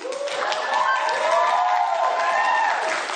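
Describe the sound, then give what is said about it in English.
An audience, many of them white people, applauds a woman speaker steadily with a dense wash of clapping, mixed with cheering voices rising and falling throughout, sustained at an even loudness for about three seconds. “Meanwhile, there's a whole bunch of white people in the audience applauding her.”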